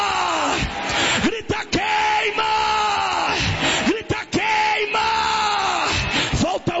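A person yells loudly and repeatedly in long, strained bursts during a deliverance prayer, with sliding pitch and brief pauses between cries, dominant over a noisy, reverberant background.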